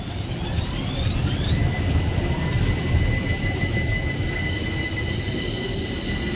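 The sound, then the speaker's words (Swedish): A tram rolls along its rails with a steady rumble, while thin metallic wheel squeals whine and glide above it throughout. No voices are heard. “Här tror vi på spårvagn.”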